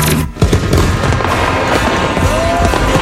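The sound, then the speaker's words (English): Fireworks going off in a dense, continuous barrage of loud booms and crackling bursts, with a whistling rocket rising near the end. “Are you ready for big booms and bright bursts?”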